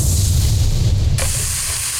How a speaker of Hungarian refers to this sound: Hallod? Ez a hang. Amikor a jó hús találkozik a forró grillel.